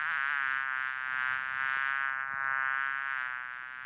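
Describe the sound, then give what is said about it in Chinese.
A dense, steady buzzing of a swarm of flies filling a restaurant toilet, fairly loud, with the drone gently swelling and fading in waves. No voices are heard. “稍后呢，这位局长要上厕所，没料到，哎呦，这厕所里全是苍蝇啊！”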